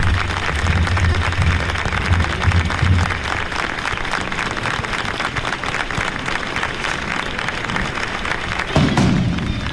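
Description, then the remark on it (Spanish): Pilgrims of the Villamanrique brotherhood clap steadily as their Sin Pecado is presented face to face with the Blanca Paloma, dense overlapping handclaps forming a loud continuous wash of applause, with low thuds and rumbles underneath and a brief louder burst near the end. “Momento, frente a frente el Sin Pecado de la hermandad de Villamanrique a la Blanca Paloma, sus peregrinos tocan las palmas y es que es un año esperando para este momento, para ese encuentro, esa presentación.”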